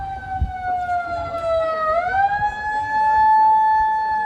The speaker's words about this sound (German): Ob die Sirene, die plötzlich losheulte, das offizielle Startsignal fürs Anbaden war, weiß man nicht. Vielleicht auch nur ein Technikversehen.